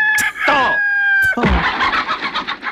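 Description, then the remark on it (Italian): A rooster crows loudly in one long, strained call. It is cut off abruptly by a rough, rumbling mechanical roar that sputters on in uneven pulses. “Gallo avvisato, mezzo accoppato.”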